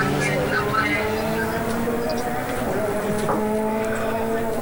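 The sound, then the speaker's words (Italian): A steady engine drones continuously, its low harmonic hum holding even throughout, with a faint wash of background noise and no pauses. “Lasciamo parlare anche le immagini, il suono del motore.”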